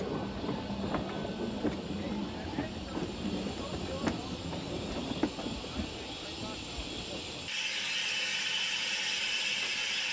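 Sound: steam locomotive train running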